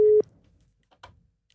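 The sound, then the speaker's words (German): A single steady telephone ringing tone sounds loudly for a brief moment as radio station SRF Virus calls a contest winner live, then cuts off, followed by near silence and a short faint murmur. “Und gewinnen hat natürlich nur jemand können und dieser Person läuten wir jetzt gerade live an. Schauen wir mal, ob sie abnimmt.”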